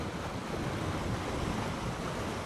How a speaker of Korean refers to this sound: 기세 좋게 흐르는 물은 빙하수. 막다 못해 시리도록 투명합니다.